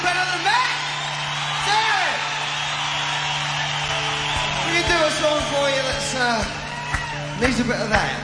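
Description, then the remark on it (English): A concert crowd cheers loudly and steadily for a band member, with many rising whoops and shouts overlapping, scattered claps cutting through, and a low hum running underneath throughout. “Let's hear it for them.”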